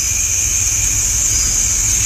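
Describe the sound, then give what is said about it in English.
Katydids call in the evening in a dense, continuous chorus, a steady high-pitched buzzing drone that holds level throughout, with a soft low rumble underneath and no voices. “You hear some of the katydids starting to warm up for the evening.”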